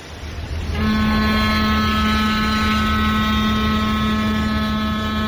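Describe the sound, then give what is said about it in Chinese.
A large cargo ship passing in the middle of the river sounds its horn, a deep, steady blare over a rumbling engine drone, starting abruptly after a low mechanical hum and holding one loud, sustained tone with rich harmonics. “江心有大货轮走过，船笛震得耳膜嗡嗡响，接着齐长的波浪便像一把大扇子似的扫过来，直叫铁甲艇上下颠簸好一阵子。”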